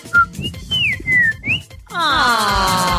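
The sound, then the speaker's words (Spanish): A person whistles a birdlike call as a greeting: a few short, high chirps and sliding notes that rise and fall, followed by a loud, sustained, buzzy warble rich in overtones until the end. “Yo la saludo con un pajarito.”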